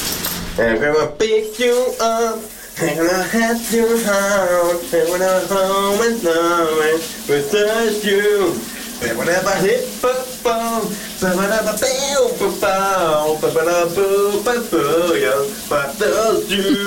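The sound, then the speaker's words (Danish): A shower runs with a steady hiss on a Friday morning while a man, a colleague, sings a popular hit loudly over it, his voice echoing slightly off the walls, with brief pauses between phrases. “bare i den grad kæmpe fredagsstemning under bruseren hos min kollega”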